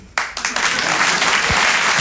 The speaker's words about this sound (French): Votre applaudissement, il est trop bien parce qu'il veut juste dire « Elle est tellement naïve !»